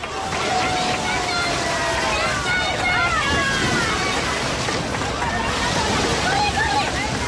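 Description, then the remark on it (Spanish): Surf washes steadily onto a beach at La Caleta, Salobreña, on the Costa Tropical, a constant broad rush, while a lively crowd of thousands talks and calls out, voices rising and falling over the water, during a nighttime maritime procession carrying the image of the Virgen del Carmen along the shore. “Pues casi donde rompía las olas, por ahí pasaba la imagen de la Virgen del Carmen, sonido que escuchamos de fondo de lo vivido anoche en esa procesión marítima en La Caleta, en Salobreña.”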